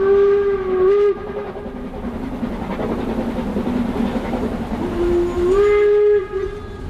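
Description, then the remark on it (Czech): A steam train on a journey toward Siberia rumbles and chugs while its shrill whistle sounds loudly twice, once at the start and again near the end, with harmonic tones over the steady mechanical roar. “Takže František Parolek, poručík, balí svou pojízdnou fotolaboratoř a vydá se spolu s dalšími na cestu vlakem směr Sibiř.”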